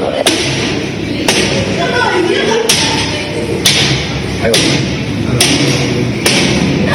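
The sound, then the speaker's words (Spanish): Heavy wooden blows as a group of adolescent girls strike a door with a stick, trying to break it to get out of a room: about seven loud thuds at a steady pace of roughly one per second, over a noisy background of indistinct voices. “Sobre las 17 horas del sábado 7, un grupo de adolescentes tomó un palo e intentó romper una puerta para salir de la habitación.”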